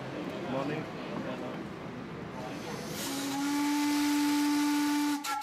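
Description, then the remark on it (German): A 900 PS steam locomotive in Montevideo, running tender-first toward Estación Nueva to pick up its coaches for a booked excursion train, gives a long, loud whistle blast with a steady tone, preceded by broad hissing steam and chuffing noise, ending abruptly with a few sharp bursts. “Den legt die Lok Tender voraus zurück, um dort ihre Wagen an den Haken zu nehmen, denn im Hafen von Montevideo ist ein Kreuzfahrtschiff vor Anker gegangen und dessen Passagiere haben den Zug gebucht.”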